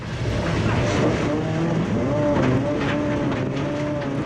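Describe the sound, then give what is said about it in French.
A rally car, about 5 metres long, roars steadily as it slides sideways at the Domaine de Galicée rally training ground, its engine note climbing and dipping over a constant loud rush of tire and road noise. “J'ai pas envie de descendre de la voiture, tellement je prends du plaisir.”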